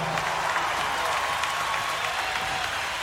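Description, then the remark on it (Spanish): A large audience applauds the Orquesta Sinfónica de Mendoza steadily, a dense, even wash of clapping that holds at a constant loudness for the full three seconds, with no voices standing out. “Y el gran aplauso se lo lleva la Orquesta Sinfónica de Mendoza.”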